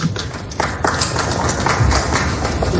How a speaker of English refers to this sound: And I'll explain why there was quite a bit of clapping in there, too, in just a little bit, because that's not usually typical. Normally, it's some moonbat screaming their face off. But there was a reason that you had some applause going on here.